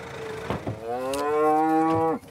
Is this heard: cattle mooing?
yes